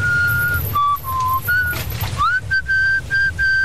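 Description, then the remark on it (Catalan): Someone whistles a slow, gentle lullaby tune, a bedtime song their mother sang to them as a child, with clear pure notes held and gliding between pitches, over a low steady rumble of background noise and no talking. “Que xiules. És una cançó que em va ensenyar la meva mare.”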